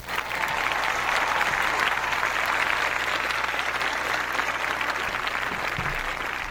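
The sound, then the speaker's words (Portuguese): Sustained applause from a group for a sunny, clear-skied post-holiday Thursday in the Alto Sertão Alagoano, a dense, even wash of clapping that holds steady at full volume for several seconds with no voices on top. “vamos aplaudir essa quinta-feira pós-feriado que começa com céu aberto, tempo firme, ensolarado, um dia bonito no Alto Sertão Alagoano.”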